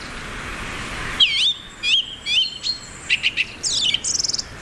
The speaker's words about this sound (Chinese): 雄性以响亮的叫声宣示领地，他的声音从很远的地方都能听到。